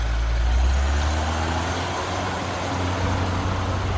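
A car engine rumbles steadily, its low drone shifting slightly as the car pulls away from garages and keeps driving around the town, with constant road noise and no voices.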